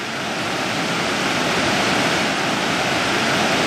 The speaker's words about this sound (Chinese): 现在我们就来到了这个德天瀑布的基本上到了最顶端了，上来已经有三四叠了，这整个瀑布大概是个四叠到五叠的。